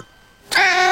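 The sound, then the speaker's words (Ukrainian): A cat lets out a single loud meow that begins abruptly after a short quiet moment and carries on to the end, with no talking alongside it. “В нову квартиру першим пускають котика.”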